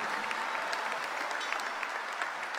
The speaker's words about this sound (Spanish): Dale un mejor aplauso al Rey de Reyes y Señor de Señores. Amén.